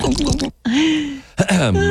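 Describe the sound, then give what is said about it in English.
Someone clears their throat in a few voiced, rasping bursts separated by a brief pause, loud and dry, with no other sounds around it. “Sorry. Something in my throat. Excuse me.”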